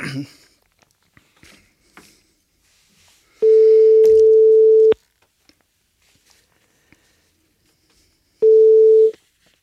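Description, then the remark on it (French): A telephone busy signal heard on a live radio broadcast while trying to call back the next guest: two long steady tones, each about a second and a half, separated by a pause of several seconds, loud and clear over near-silence with a few faint clicks. “Donc on va pas tarder à l'avoir, notre prochain invité, on va essayer de la rappeler.”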